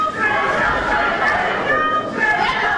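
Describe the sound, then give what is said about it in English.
A crowd gathered at the Alabama State House, as lawmakers approve a plan for new U.S. House primaries, murmurs steadily, many overlapping voices blending into a dense, continuous babble with no single speaker standing out, holding an even loudness throughout. “A crowd gathered at the Alabama State House as lawmakers approved a plan for new U.S. House primaries if courts allow the state to use different congressional districts in this year's elections.”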